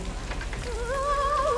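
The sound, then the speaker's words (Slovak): Hail falls in a dense, steady patter during a thunderstorm, continuous, while a thin wavering tone rises over it partway through and holds to the end. “No prosím, sypú sa krúpy a ona si tancuje na stráni.”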